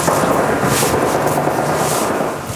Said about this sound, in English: Some gunfire in the background.